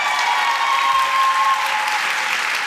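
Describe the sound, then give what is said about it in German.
Steady, dense applause and cheering from a large crowd in the Kaisersaal of the Frankfurt Römer for German Book Prize winner Shayda Basiar, continuous and fairly loud throughout, with a faint sustained tone beneath the clapping. “Applaus und Jubelrufe im Kaisersaal des Frankfurter Römers für Shayda Basiar.”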